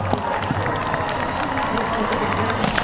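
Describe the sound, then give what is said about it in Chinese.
Spectators at an equestrian jumping competition applaud the riders and horses in a steady, dense patter, with a low crowd murmur and a faint hum running underneath throughout. “现场观众啊非常热情，也非常喜欢马术运动，时不时的在给选手和参赛马掌声鼓励。”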